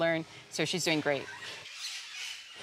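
A large bird, being handled by a woman learning to tame such birds, squawks: one harsh, buzzy call, then a quick burst of about four loud, rasping squawks, followed by quiet hiss. No one speaks.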